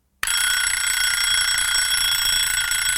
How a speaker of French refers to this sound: 7 heures, le réveil sonne, mais ça fait déjà un bon moment que j'ai les yeux ouverts.